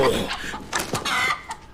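A rooster, the mascot of Saint Ina Academy (圣伊娜学院), clucks in a few short, throaty bursts, some sharp and some softer, with a little background noise and no clear speech.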